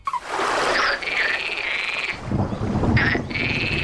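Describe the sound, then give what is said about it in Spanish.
Common frogs croak in a dense, continuous chorus, while a low, rolling thunder rumble from a thunderstorm builds underneath in the second half, with a faint hiss of rain or wind. “Entonces, recuerdo, el orden es rana común con una tormenta en el fondo”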